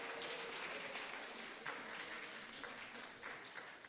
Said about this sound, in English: All right, guys, that brings us to a close for our speaking segments. Let's give all of our speakers another round of applause.